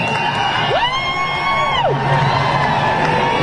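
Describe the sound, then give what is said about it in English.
A large concert crowd boos the band on stage after some people chanted USA and the singer responded. One loud, drawn-out voice rises above the dense roar for about a second before the steady crowd noise carries on. “Oh, yeah, some people booing.”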